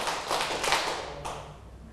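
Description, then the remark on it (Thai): A group of children clapping their hands on a teacher's count during singing practice, in a few loose, uneven bursts, the claps smearing together rather than landing in unison, moderately loud, then fading out after about a second. “ต่อไปเราจะมาฝึกร้องกันในกลุ่มไหนพร้อมแล้วปรบมือ1ครั้ง2ครั้ง3ครั้ง4ครั้ง”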